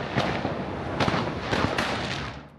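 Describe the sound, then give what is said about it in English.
Firecrackers explode on Cracker Night in the Territory's Top End, in a dense, continuous crackle, with sharp loud bangs punching through every half second or so over a hissing, popping wash of smaller bursts. No one speaks. “Have you ever been in the territory for Cracker Night, Fraser Fife?”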